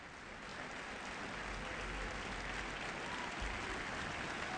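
Sustained applause from a large audience after an orchestral tango performance, received by the standing musicians and soloist; a dense steady wash of clapping fills the space, holding evenly throughout, with a low rumble beneath and no voices standing out.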